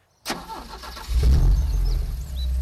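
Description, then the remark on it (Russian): A car engine cranks and catches, then settles into a deep rumble that grows louder and heavier as the car pulls away on a detour around the Staritsa, by a burned wooden bridge about 5 km from town. No voices are heard. “Анна Егоровна тронула машину в объезд Старицы.”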